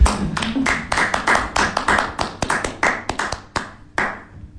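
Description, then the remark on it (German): Several pairs of hands clap in a quick, uneven burst, fairly loud, with sharp overlapping smacks that thin out toward the end, applauding the technical crew at a live-streamed culture evening. “Aber ich klatsche jetzt mal für das Team von der Technik.”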